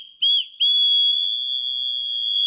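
A small anti-harassment keychain safety whistle, of the kind the town hall of Nîmes, France, gives women to ward off aggressors, shrieks at a high pitch: one short blast, then a longer, steady, piercing blast that holds loud for about two seconds, with no voices. It can reach 100 decibels.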